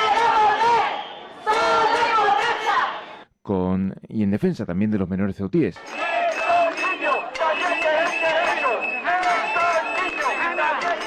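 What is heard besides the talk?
protest crowd shouting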